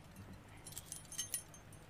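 Keys to the place jangle softly as they are handed over, a cluster of light metallic clinks and chimes in the middle of the moment, quiet over a low background hum.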